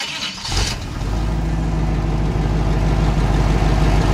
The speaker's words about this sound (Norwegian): Det ikke godt å si, det nok en liten lastbil, altså, Adrie. Hva sa du? Det nok en liten lastbil, altså, der. Det riktig, men det ikke presist nok, da. Mercedes? Nei, det var en Chevrolet.